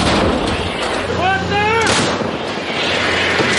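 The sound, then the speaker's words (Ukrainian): A single heavy shot from a Caesar 8x8 155 mm self-propelled howitzer booms loud, its roaring blast rolling out over a rumbling background, with a brief shouted voice just before the firing. The artillery crew is firing at enemy positions in the Oleksandrivka direction. “І ось вже перший боєприпас готовий до виліту у бік загарбників. Робота!”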